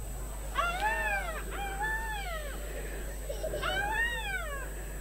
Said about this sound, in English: She heard the screech of a black cockatoo.